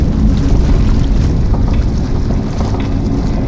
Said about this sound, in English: There it goes. Sinking. So fast. The ship is sunk.